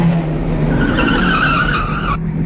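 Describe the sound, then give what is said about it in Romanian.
A car swerves hard to the left and brakes, its tires letting out a loud, sustained screech for over a second over a steady engine rumble, with no voices. “Vin ca o vijelie, virez la stânga brusc, pun frâna lângă ea.”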